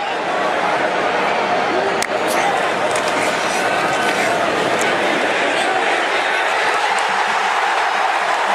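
A massive crowd at the Big House roars and cheers without letup as Michigan scores a touchdown for a 7-0 lead on Iowa, a loud, dense wash of voices holding steady for the whole stretch, with a few sharp shouts or whistles poking through.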